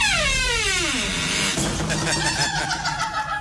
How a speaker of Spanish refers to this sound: Me salgo acá del baño. La puerta como que ríe, ¿sí o no? Me provoca no echarle aceite. Me provoca no echarle aceite a esa puerta, hombre, que eso suena lo más de chévere y más chisto. Venga, la vuelvo a cerrar, abrir y verá.